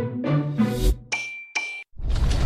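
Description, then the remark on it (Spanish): Church bells clang in a few heavy, metallic strikes, each leaving a bright ringing tone that hangs briefly before a rush of broad noise swells in. No one speaks. “Todo inició un 16 de septiembre en Dolores Hidalgo, cuando las campanas despertaron un eco que se volvió el grito de lucha y libertad que marcó el rumbo de nuestra nación.”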